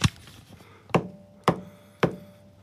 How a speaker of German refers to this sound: Ja, dieses Ding, das ihr hört, das ist die Regentrommel.